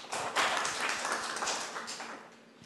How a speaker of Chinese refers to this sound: 好，以热烈的掌声欢迎。